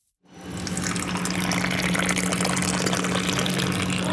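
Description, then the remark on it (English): After a moment of quiet, a big, tall pour of freshly roasted Ethiopian coffee streams steadily into a cup at a store, continuous, with a rushing, slightly rising fill sound and no one talking. “give me a big, tall pour of her finest coffee.”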